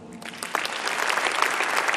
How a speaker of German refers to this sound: Herzlich willkommen, großen Applaus.